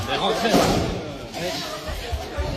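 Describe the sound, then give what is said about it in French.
A single sharp, loud firework mortar bang bursts out near the start as a mortar shot is fired at the head of the Blaise Pascal high school at the entrance of the building in Rouen, amid a noisy, echoing scene with people talking and shouting throughout. “Ouais, il y a cette vidéo qui tourne sur les réseaux sociaux où on voit le chef d'établissement du lycée Blaise Pascal à Rouen visé par un tir de mortier à l'entrée du bâtiment.”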